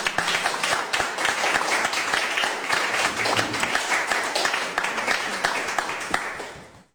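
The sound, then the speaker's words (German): An audience applauds steadily for several seconds at a first book reading, a dense wash of many hands clapping at an even, fairly loud level before tapering off at the end. “Deswegen herzlich willkommen auch bei unserer ersten Lesung und einen Applaus”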